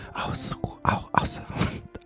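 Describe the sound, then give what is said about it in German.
Heavy, airy breaths right up against the microphone, several rough exhales and inhales in quick succession, loud and close with a hissy, whisper-like texture. “Außerdem hört ihr mich heute sehr intensiv atmen, was in einer Radioshow total untypisch ist.”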